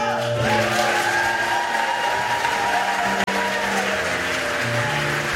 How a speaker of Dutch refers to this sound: Het gebeurde allemaal tijdens een feestelijke avond in Theater De Spiegel in Zwolle. Dames en heren, mag ik een heel groot applaus voor de grote winnaar,